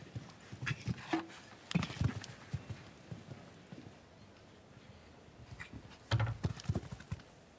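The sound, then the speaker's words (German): Hoofbeats of a white horse in a show-jumping round thud across soft arena ground in an uneven rhythm, with clusters of louder strikes near the start and end and quieter stretches between; no one speaks. “wäre sonst fehlerfrei gewesen, wenn nicht dieser, ja, ich sag jetzt mal, dieser tolle Schimmel hier, nicht diese 10 cm zu kurz diesen Weitsprung genommen hätte und damit auf dem weißen Band quasi Kontakt hatte”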